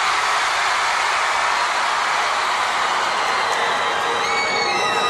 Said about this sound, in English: Can I try something real quick? Because I'm not used to playing for crowds this big. I'm gonna point to a part of the crowd and we're gonna see who can scream the loudest. All right? One, two, three, this side!